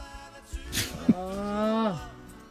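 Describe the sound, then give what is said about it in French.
A person imitates a pig, making a pig nose and giving a short nasal snort followed by a drawn-out, voiced grunting squeal lasting under a second. “Arrête de faire ton nez de cochon”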